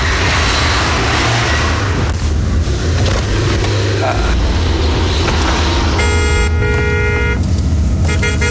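A car horn sounds with a steady, harmonic blare near the end, over a constant roar of passing traffic and engine noise; a brief second honk follows just after.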